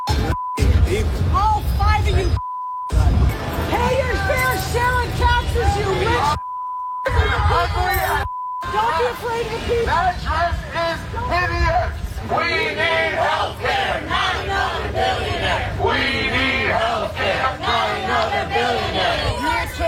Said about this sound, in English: There was an event recently, the Manhattan Institute, which is this Republican think tank, and people were just dressed up in their formal outfits and they were going out and there were protesters outside screaming at them.